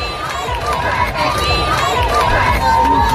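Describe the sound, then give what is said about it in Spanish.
A large outdoor crowd in the streets of Madrid, Spain, roars continuously on a hot, sunny day, a dense wall of overlapping voices cheering and chanting for the Pope, such as "Viva el Papa", loud throughout with no pauses. “Son los gritos que le han acompañado desde su llegada ayer a Madrid, hoy con mucho más calor para los que llevan desde primerísima hora de la mañana en la calle.”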